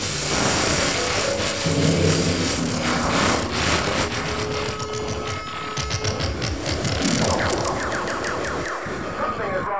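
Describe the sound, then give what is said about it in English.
Loud, harsh cable TV interference static on the Playboy Channel fills the whole stretch, a broad crackling hiss laced with warbling electronic squeals and rapid stuttering pulses, steady throughout with no voices. “Do you hear that noise? I said, do you hear that noise? There it goes again. You hear it? That awful interference wrecking your orgasm on the Playboy Channel.”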